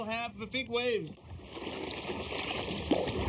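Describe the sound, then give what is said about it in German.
A voice speaks briefly at the start, then a steady rush of water from a large ferry's wake washes against a kayak, with a sharper slap of a wave near the end. “Achtung, gleich kommt eine große Welle.”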